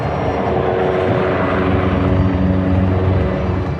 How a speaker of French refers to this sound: Image insolite, les hélicoptères bombardiers d'eau viennent s'approvisionner dans les jardins du château de Fontainebleau.